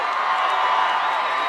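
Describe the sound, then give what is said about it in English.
A large crowd at the 2026 iHeartRadio Music Festival cheers in a steady, loud roar that fills the whole moment without pause, a dense wash of many voices with no single speaker standing out. “Oh, we got quite the crowd in here.”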